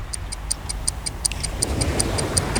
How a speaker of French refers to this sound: Allez, c'est parti. Je lance le chrono.